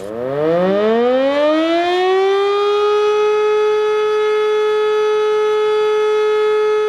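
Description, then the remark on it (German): A civil defense siren in an annual early-October siren test winds up from a low growl to a steady, loud wail over about three seconds, then holds one sustained tone with no voices present. “Jedes Jahr Anfang Oktober findet ein Zivilschutzprobealarm statt. Dabei wird die Funktionstüchtigkeit der Sirenen im Land getestet und die Bevölkerung wird an die unterschiedlichen Signale für Warnung, Alarm und Entwarnung erinnert.”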